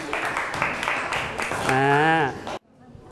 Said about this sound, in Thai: อ่ะขอเชิญกลุ่มกึ่งโลหะที่หน้าห้องได้เลยครับเชิญได้เลยครับอ่ะปรบมือให้กำลังใจกลุ่มกึ่งโลหะหน่อยครับ